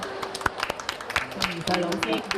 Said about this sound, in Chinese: 今日呢，身边呢，我好荣幸请到香港著名的儿童文学作家宋怡穗女士嚟到我哋当中，俾啲掌声。